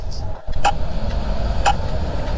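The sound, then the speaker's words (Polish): A pedestrian crossing signal in Vienna clicks twice, about a second apart, sharp, over a steady low rumble of street traffic. “No, takie standardowe klikanie. To w wielu miejscach takie chyba usłyszymy.”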